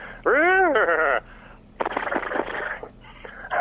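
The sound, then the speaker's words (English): A voice imitates a horse with a loud, wavering whinny that arcs up and down in pitch for about a second, then gives way to a rough, fluttering, breathy snort-like sound. “All right, I'll do the horse noise first, which will be cheesy, and then it'll lead into the flappy thing.”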